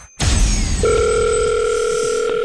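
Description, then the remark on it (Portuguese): A steady electronic phone tone starts after a brief burst of noise and holds evenly to the end: the ringing tone of an outgoing call to a mobile phone, heard through the line, which nobody answers, in the morning. “Vamos lá ver se alguém nos atende o telemóvel.”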